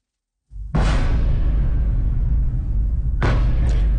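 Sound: explosions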